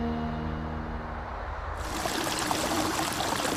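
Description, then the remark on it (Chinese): A village stream in Songzhuang Village, Songyang County, among mud-walled, grey-tiled houses and small bridges, flows with a steady rushing babble that fills the second half, after a soft tonal hum fades out; no voices are heard. “澧水松阳县松庄村，泥墙青瓦，小桥流水，原始古朴。”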